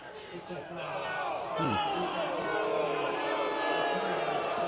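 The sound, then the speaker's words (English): A big stadium crowd at a football game boos and jeers a referee call on a possible targeting hit on a receiver, a sustained, loud wash of overlapping voices that swells briefly and holds steady for several seconds. “Crowd doesn't agree with it, and they're going to run to the end of the field to take a look if it is targeting or not.”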